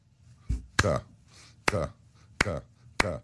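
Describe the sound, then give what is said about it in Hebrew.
Four sharp hand claps in a slow, steady rhythm, demonstrating how a Hungarian concert audience clapped together after a performance of Mahler's Fifth, each one quickly followed by a brief voiced sound, with a low murmur underneath throughout. “הקהל מחה כפיים בהתלהבות, ופתאום הפסיקו למחוא כפיים ביחד, פתאום היה שקט, כאילו איזה יד מנצחת אליהם, ואז הם מתחילים למחוא כפיים ככה.”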